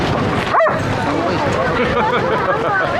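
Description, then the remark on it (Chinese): A single short dog bark rings out near the start, partly buried beneath the steady murmur of a crowd of people chattering all around. “你是来接我的吗？不是来接狗的吧？”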